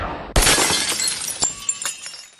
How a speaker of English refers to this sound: He flicks the wand, shattering a vase.